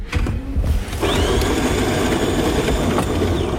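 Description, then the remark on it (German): A brand-new coffee machine in the editorial offices of a public broadcaster in Daugavpils grinds loudly and steadily, a dense mechanical whir with a rising whine that settles into a continuous drone, with no one speaking. “In den Redaktionsräumen von LSM, dem öffentlich-rechtlichen Rundfunk in Daugavpils, ist nicht nur die Kaffeemaschine brandneu.”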